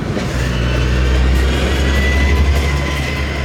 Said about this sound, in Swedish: Det är mycket bilar som kör, och som sagt, bilar som då saktar in lite och kollar in i området här.